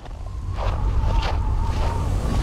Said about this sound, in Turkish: Burada korkunç bir rüzgar var. Kışın ilerleyen zamanlarında -35 derecede rüzgar sizi döverken su kenarında olmak istemezsin.